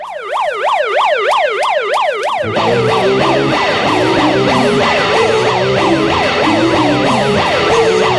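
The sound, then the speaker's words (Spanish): A loud alarm siren yelps in fast, repeating up-and-down sweeps, steady throughout, opening an NPR Music Tiny Desk Concert; after about two seconds a low, rumbling layer of noise joins underneath it. No one speaks. “Y así, con este sonido de alarma, empiezan los Tiny Desk Concerts, los famosos hechos por NPR Music.”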